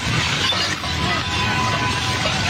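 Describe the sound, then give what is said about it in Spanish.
An earthquake aftershock at 1:36 in the morning shakes a building where rescuers were at a collapsed six-storey building's parking area: a loud, unbroken wash of rattling and clattering with glassy breaking and shattering mixed in, lasting the whole time with no voices. “Escuche lo que pasó en el momento de la réplica.”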